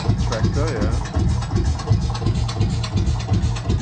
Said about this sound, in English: So that's the Lanz Bulldog. The tractor.